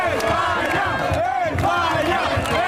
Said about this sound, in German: Das sind spanische Fans. Die rufen España, España. Dann sag das doch gleich. Die drücken die Daumen für Spanien heute Abend.